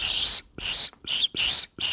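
A high, breathy whistling tone from blowing into a pasta tube, sounded in five short bursts with brief pauses between them, airy hiss mixed with a shrill pitch.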